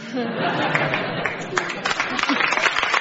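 Scattered, half-hearted clapping mixed with a low murmur of crowd chatter and a few chuckles, holding at a steady, moderate level for about three seconds.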